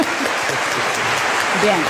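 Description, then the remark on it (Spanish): An audience claps loudly and steadily when asked to applaud if they prefer cold weather, a dense wash of many overlapping hand claps filling the whole moment, with faint voices mixed underneath. “Los del team del frío, a los que le gusta más el frío, que aplaudan fuerte, por favor.”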